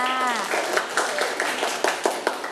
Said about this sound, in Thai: ลูกเก่งมากค่ะนั่งลงได้เลยค่ะเด็กๆปรบมือให้กับเพื่อน